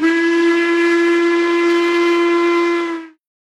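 A single long, steady train whistle blows loud for about three seconds with a bright, harmonic tone, then cuts off abruptly into silence.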